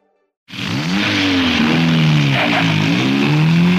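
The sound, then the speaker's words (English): A car engine roars to life and revs loudly, its pitch climbing, dipping and climbing again as it shifts through gears, with no voices. “See if I can't get this in gear here. There we go.”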